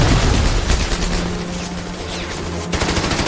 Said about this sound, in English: But before long, gunfire erupts and cuts off their advance. German machine guns, concealed in the hillside, open up.